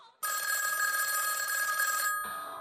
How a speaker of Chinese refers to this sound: 啊，这么晚了，是谁呀？ 哎，我去外屋接电话。你先睡吧啊。